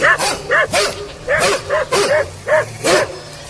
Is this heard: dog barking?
yes